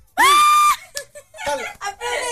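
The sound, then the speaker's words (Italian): A loud, sustained shout from audience friends from Putignano rings out, followed by a few shorter excited yells and cheers, energetic, with no clear speech in between. “Abbiamo degli amici e amiche di Putignano. Fatevi sentire un urlo.”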